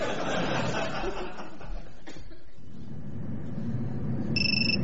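A mobile phone starts ringing right at the end, a bright electronic tone cutting through a dense, rumbling background of crowd noise and low chatter.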